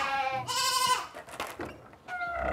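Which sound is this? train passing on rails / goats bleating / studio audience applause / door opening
goats bleating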